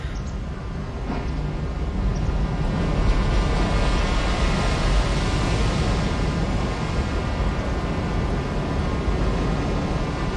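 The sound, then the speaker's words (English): Ocean waves recorded in Fukushima, Japan, after the tsunami, about 1 kilometer from a nuclear power plant, form a continuous, dense roar that holds steady in loudness throughout, with no distinct breaks between swells and a faint sustained tonal hum running underneath. No voices. “It's all with the sound of ocean, which I recorded in Fukushima in Japan.”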